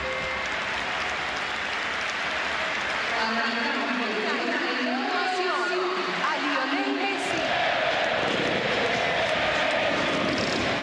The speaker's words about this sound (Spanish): En el minuto 10 el juego se paraliza y todo el mundo grita Messi, Messi, Messi.